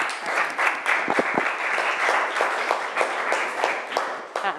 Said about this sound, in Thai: เอาปรบมือให้คุณติ๊กหน่อย